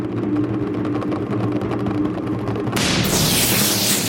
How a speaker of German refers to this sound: Ihr hört den Donner.